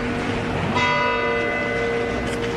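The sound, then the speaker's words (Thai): The bell of the astronomical clock tower in Bern, Switzerland, strikes once, its bright metallic tone ringing out and humming on in a long, slowly fading resonance over a steady background hiss. “ในภายหลังมีการปรับปรุงเพิ่มเติมเป็นนาฬิกาดาราศาสตร์ที่มีกลไกสลับซับซ้อนสะท้อนถึงภูมิปัญญาของชาวสวิสในยุคนั้น”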